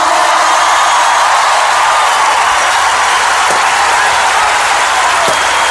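A large audience claps and cheers loudly and continuously, a dense wash of applause filling the space with no break, a few sharper claps standing out near the end.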